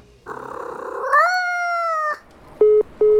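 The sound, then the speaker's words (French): At night, a cat gives a rough, buzzy rising yowl that turns into one long, steady, drawn-out meow, followed by two short, identical electronic beeps. No one speaks. “Franchement, personne, tu ne crois pas que tu devrais dormir et regagner ton panier plutôt que m'empêcher de dormir ?”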